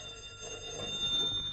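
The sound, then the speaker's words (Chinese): A telephone rings with a steady, high metallic trill, faint against a low background hum. “喂，您的电话。”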